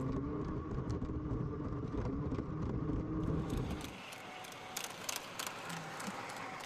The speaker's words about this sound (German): Solarzellen können Sonnenlicht direkt in Strom verwandeln. Schon diese kleine Fläche genügt, um die Eisenbahn anzutreiben.